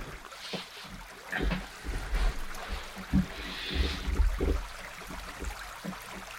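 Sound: flowing stream water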